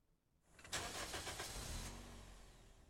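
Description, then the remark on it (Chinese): A car engine cranks and catches after a brief quiet moment, sputtering in quick pulses before settling into a steady, low idle rumble, heard in the intro of a song. No voices. “今天节目在第一首歌曲呢，这个歌曲的前奏立刻就有一个发动引擎的声音”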